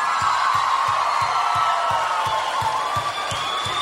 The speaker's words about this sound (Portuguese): Quem gostou, bota a mão lá em cima e bate palma, menino. E que é isso? Eu quero convidar pra cantar comigo uma das melhores duplas sertanejas do Brasil. Uma salva de palmas,